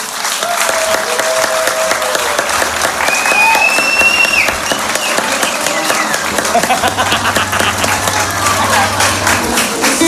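A crowd applauds a musician for about ten seconds, a dense, loud wash of clapping with faint whistles or cheers rising above it and a low hum underneath.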